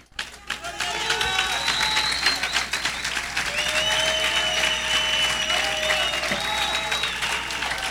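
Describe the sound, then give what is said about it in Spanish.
A church audience breaks into loud, sustained applause during an evening service, dense steady clapping that carries on for the whole stretch, with raised voices and cries ringing out above it. “Si usted quiere ser de esa iglesia, aplaude, brinca, empiece a hacer algo.”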